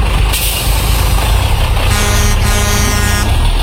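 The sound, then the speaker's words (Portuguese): A heavy bus rumbles past, its loud engine filling the scene, and a sustained horn blares over the roar toward the end as it goes by; it is the last bus, passing at exactly 11 o'clock. “Passando o último ônibus, isso é sinal que tá liberado o gol.”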